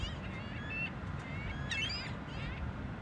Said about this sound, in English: This is WSHU's Birdsong Break, and we couldn't let the summer go by without featuring this beach bird. It's the ring-billed gull this week.